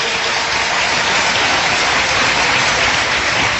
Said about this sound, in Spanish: Bienvenidos, un fuerte aplauso al Señor. Alabe a Dios.